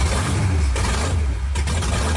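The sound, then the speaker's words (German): Racing car engines revving, a deep, steady engine rumble dominates, with strong low-end throb and a broad roar that surges slightly in places, like powerful motors idling and revving. “Es ist eine Wahnsinnsstimmung, das bebt im ganzen Oberkörper, wenn dann da die Motoren aufbrummen, Wahnsinnsgefühl.”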